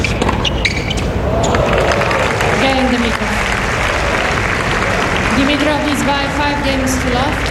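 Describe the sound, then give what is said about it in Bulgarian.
A stadium crowd applauds loudly and steadily after a tennis point won on a return for a 5-0 lead with three breaks, dense clapping filling the whole stretch while a commentator talks over it. “Начинът, по който изпълни ретура, заслужава аплодисментите.”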